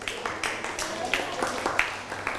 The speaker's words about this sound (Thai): นั่งลงได้ปรบมือให้กับเพื่อน